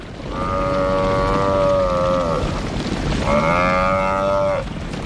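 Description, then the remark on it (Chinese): A tall African buffalo bellows in distress as four lions attack it amid flying dust: two long, loud, droning moans with a strained, slightly wavering pitch, separated by a short pause, over a steady rumbling background. “在飞扬的尘土中，四只狮子开始围攻一头高大的非洲水牛。”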